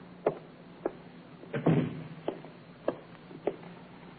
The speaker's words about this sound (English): Now, take me in, will you? We're staying a while. Shut the door, will you, Inspector?